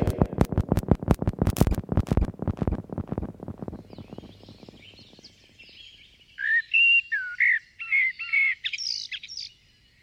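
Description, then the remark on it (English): A blackbird sings clear, fluting whistled phrases in short bursts, preceded by a rapid run of dry clicking chatter that fades out, with no voices. “Blackbirds are skittish birds, taking a few hops or steps, then pausing.”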